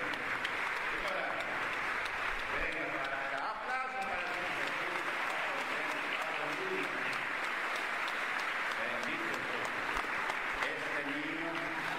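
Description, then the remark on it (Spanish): An audience at the Pentecostal church Cosecha applauds for Jesus after a child's healing, steady for several seconds, a dense, continuous wash of clapping with voices calling out and shouting over it. “¡Aplausos para el Señor Jesús!”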